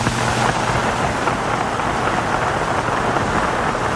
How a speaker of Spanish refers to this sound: Nuevos aplausos. Se ponen de pie la inmensa mayor parte de los asistentes.